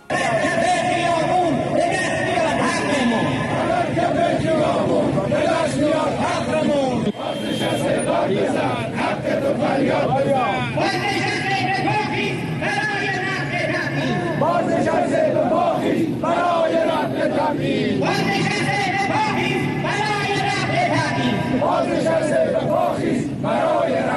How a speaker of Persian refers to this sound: آنها فریبکاری های رژیم آخوندی در مورد اینکه شرایط جنگی است و سکوت کنید را کنار گذاشته و مشی فریاد در خیابان را برگزیدند.